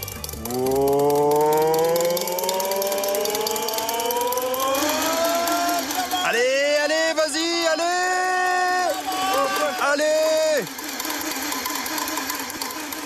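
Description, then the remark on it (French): A car engine cranks without catching: a starter whine climbs steadily in pitch for several seconds, then settles into a loud, wavering mechanical whir with uneven pulses before cutting off. “L'instant magique est arrivé. Le synchro-saint démarrage du moteur.”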